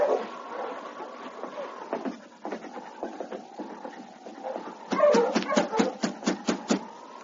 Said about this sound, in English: There's a dog team out in front. Yes, that's the team she rented from Joe. I know that black lead dog.